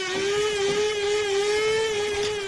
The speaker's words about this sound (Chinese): 你这是新买的豆浆机啊？ 什么豆浆机？我这叫咖啡机。